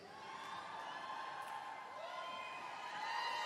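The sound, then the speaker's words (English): An audience at a live concert yells and whoops together in a sustained, steady roar of overlapping voices, rising slightly louder toward the end. “See, I take those little yells as being, okay, you're kind of right.”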